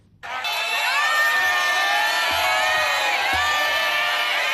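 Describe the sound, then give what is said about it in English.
A large crowd in the streets of Bangkok, Thailand, cheers and shouts continuously as former Prime Minister Thaksin Shinawatra is released from prison on parole, a dense wall of excited voices that swells in suddenly and stays loud throughout, with a few low thumps underneath. “Crowds filled the streets of Bangkok to catch a glimpse of Thaksin Shinawat being released from prison on parole”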